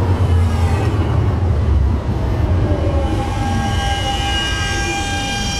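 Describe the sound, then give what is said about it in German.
Steady, loud rumble from inside a moving tram riding to the Hauptbahnhof Süd stop, with a rising electric motor whine and rattling carriage noise throughout. No one speaks. “So, ich bin jetzt links abgebogen und werde jetzt gleich in die Straßenbahn steigen.”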